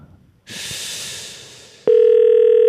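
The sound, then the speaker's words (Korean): A burst of airy hiss fades into a loud, steady electronic telephone ringing tone of a call waiting to be answered, beginning abruptly and holding unbroken, heard alone with no talking. “야, 이거 전화 벨소리가 많이 울렸는데.”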